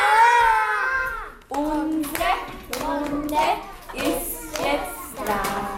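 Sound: children clapping loudly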